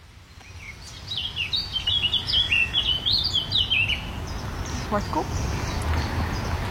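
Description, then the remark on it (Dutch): A blackcap sings by a cycle path in the Plaatbos near Rotterdam, Netherlands, along the Oude Maas by Hoogvliet: a rapid, rich warbling phrase of varied high notes lasting a few seconds, followed by a couple of fainter chirps over a steady low background rumble. “Zwartkop. Laat even lekker van zich horen.”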